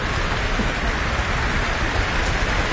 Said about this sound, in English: Lots of applause here in the town hall. And enthusiasm from the orchestra too, who are stamping their feet for Bielman to come back to the stage.